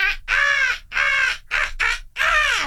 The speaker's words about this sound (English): Good morning to you. The birds are chirping.